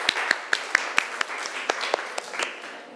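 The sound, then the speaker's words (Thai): Students in a classroom clap together for group 5 before the group presents its results, a dense patter of many hands with a few sharper, louder claps standing out over about three seconds. No one speaks. “ปรบมือให้กลุ่มที่5หน่อยค่ะ”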